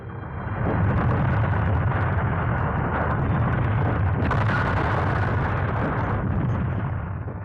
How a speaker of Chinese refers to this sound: 只见一个草人拦住他们的去路。一个鬼子上前端起刺刀就挑，这个鬼子和草人一块儿被炸飞了。